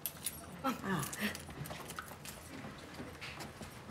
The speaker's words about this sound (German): Ich habe das Zimmer, aber keinen Schlüssel. Nee, wir haben, Passt der Schlüssel auch da? Klutsch, Klutsch